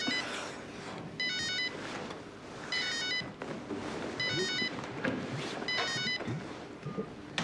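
A telephone rings in four repeated bursts, each a high warbling electronic trill with short pauses between, over a steady background rumble with faint wind-like noise.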